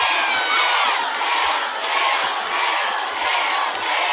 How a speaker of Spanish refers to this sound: Ustedes son los que están grabando este disco, no yo. Yo vengo, hago el mismo show de siempre, pero son ustedes los que hacen el show, son ustedes los que cantan, los que gritan, saltan y dicen ¡ay, amor, es bien fuerte!